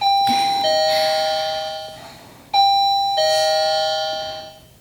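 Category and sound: household object, doorbell ringing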